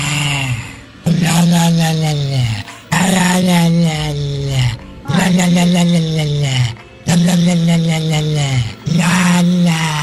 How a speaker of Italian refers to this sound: Wender ha trovato su Instagram il video di un cane che ringhia e la padrona gli muove la bocca facendogli emettere questi suoni.